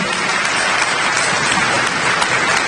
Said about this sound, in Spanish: So, un aplauso a todos ustedes, un aplauso.